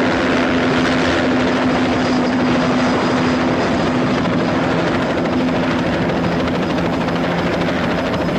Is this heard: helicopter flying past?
yes